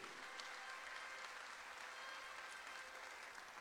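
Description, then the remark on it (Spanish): Steady applause from an audience in Chile for the SENAMA regional director, Antaris Varela: a dense, even wash of many hands clapping at a constant level for several seconds with no voices standing out. “Saludar a quien es nuestra directora regional del SENAMA, Antaris Varela, a quien también le damos un aplauso muy fuerte de todo Chile.”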